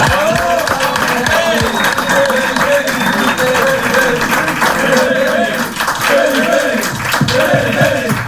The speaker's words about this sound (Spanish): Entonces, pues bueno, les voy a dar un aplauso porque se lo merecen.